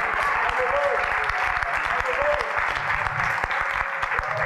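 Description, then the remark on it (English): Sustained applause from a crowd clapping to praise the Lord, a dense steady wash of clapping that stays loud throughout, with faint voices mixed in underneath. “Alléluia, applaudissez le Seigneur.”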